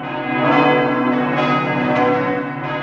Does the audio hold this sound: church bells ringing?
yes